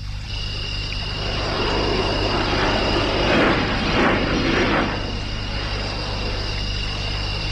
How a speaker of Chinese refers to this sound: 飞机。现在的人真能，还跟半夜了还在云彩眼里飞嘞。